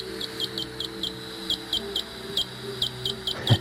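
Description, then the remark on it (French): A greater horseshoe bat call: a string of about a dozen short, high, tonal pulses in a steady Morse-like rhythm over a faint low hum, with a brief louder burst at the end. “Un deuxième exemple, autre rythme, le cri du grand rhinolophe.”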